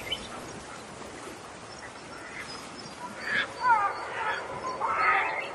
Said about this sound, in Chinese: 黑面琵鹭的声音就是这样哦。全世界呢，总共有6种琵鹭，黑面琵鹭是最少的一种，目前呢已经被列为濒临绝种的保育类动物。